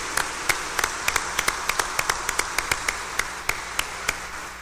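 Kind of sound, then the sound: crowd, audience applauding in welcome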